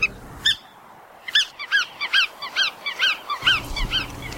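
A flock of bar-tailed godwits, migratory wading birds, calls in a quick run of nasal, yelping notes, about a dozen close together, clear over a low background hum.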